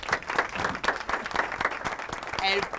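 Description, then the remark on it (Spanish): A crowd applauds an operator with dense, steady clapping for about three seconds, holding a fairly even level, and a brief voice or cheer rises over it near the end. “Claro, es nuestro querido operador que siempre está y hay que darle un aplauso porque siempre está,”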